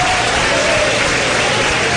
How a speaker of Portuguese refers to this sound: E cadê o glória a Deus dessa igreja barulhenta? Mas cadê as palmas também?